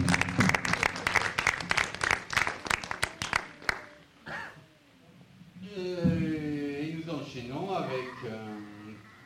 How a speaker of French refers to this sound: Adjugé, on peut l'applaudir.